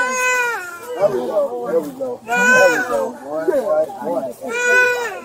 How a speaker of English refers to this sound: Officers Clayton McWilliams and Veronica Jackson cleared the infant's airway, and the child soon began crying and breathing again.